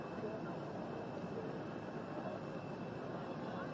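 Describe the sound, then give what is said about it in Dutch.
A steady, even roar of the engines of an Air France airliner, the plane to take the Pope back to Vatican City, running on the airfield, continuous throughout without rising or fading, with indistinct voices faintly beneath it. “En we zien beelden van het vliegtuig van Air France dat de Heilige Vader terug zal brengen naar Vaticaanstad.”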